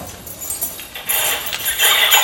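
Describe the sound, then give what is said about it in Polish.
A bunch of house keys jingles continuously, their ultrasonic shimmer shifted down into an audible, slightly eerie metallic rustle that swells louder midway and keeps shaking until the end, with no voices. “To nie był wzmocniony dźwięk tych kluczy. To była przerobiona na niższe dźwięki ta część tego dzwonienia, której my normalnie nie słyszymy.”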